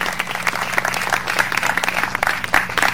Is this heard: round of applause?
yes